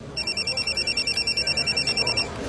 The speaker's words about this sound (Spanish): Cuando suena el teléfono, ellos no dudan.